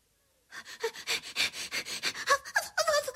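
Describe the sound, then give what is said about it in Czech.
The dog Punťa pants quickly and steadily, a rapid rhythmic run of breathy huffs starting after a brief silence, with a few faint whiny tones creeping in near the end. “Tak milému pejskovi každý rád pomůže.”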